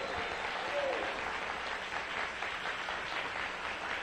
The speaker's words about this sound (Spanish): Dale un aplauso al Rey.